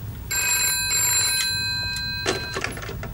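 An old-style telephone bell rings with a bright, sustained metallic trill lasting a couple of seconds, fairly close. A low rumble of background noise sits underneath, with no one speaking.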